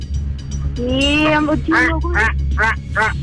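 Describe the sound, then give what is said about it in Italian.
A loud crow caws several times in a quick, harsh rhythm, preceded by a brief rising squawk, used as a comic buzzer sound effect when a quiz contestant buzzes in. “La cornacchia.”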